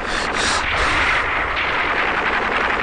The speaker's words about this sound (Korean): 총소리는 점점 더 자지러지었다.